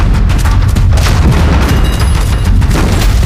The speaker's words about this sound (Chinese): 好像是鬼子的排气炮声，这鬼子可真够快。